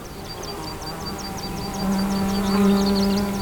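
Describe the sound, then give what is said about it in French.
Insects buzz steadily in near-silence by a mountain pass, with a rapid, regular high-pitched chirping throughout and a low droning hum that swells louder about halfway through. No one speaks. “Et le silence est éclairé par ces insectes et ces oiseaux.”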